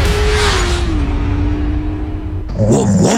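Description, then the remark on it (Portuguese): A loud, throaty car engine roars with a sporty exhaust note, its pitch sliding down as it eases off, then the exhaust note changes abruptly near the end with a fresh burst of revving. It is heard in an ad for the exhaust shop Picoloto Escapamentos. “Quer fazer aquele ronco esportivo top?”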